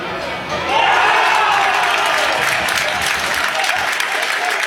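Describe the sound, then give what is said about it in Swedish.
A stadium crowd at a Swedish Superettan football match erupts in a roar of cheering and applause as Ljungskile equalise against Örebro. It is a dense, loud, sustained wash of noise that swells within the first second and holds steady. “Hör ni jublet i så fall, så har ni förstått att det har blivit mål på den andra Superettan-arenan för att det är kvitterat utav Ljungskile mot Örebro.”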